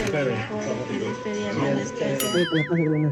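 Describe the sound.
Voices talk throughout, then near the end a short, bright WhatsApp message-notification ding cuts in, its tone wobbling and warbling for about a second.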